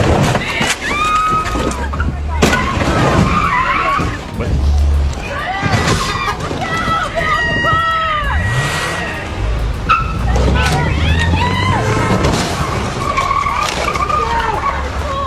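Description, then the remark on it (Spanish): A stolen car in Agoura Hills, California, struggles to maneuver as a woman tries to escape with an anti-theft club locked on its steering wheel; tires squeal and skid in repeated, wavering screeches over a steady engine rumble. The noise is loud throughout, with indistinct voices in the background. “La asaltante intenta escapar, pero el volante del auto tiene puesto un bastón antirrobo que lo hace imposible maniobrar.”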